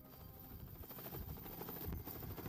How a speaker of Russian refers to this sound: Когда вертолет приземлился в больнице Блессинг,